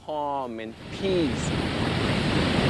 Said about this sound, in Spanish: Disfrutas del ambiente, disfrutas de la naturaleza, del viento. Miras las olas que te brindan calma y paz.